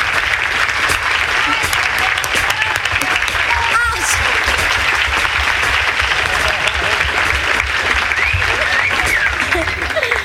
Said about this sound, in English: would you please, a warm round of applause, … and the wonderful … for you.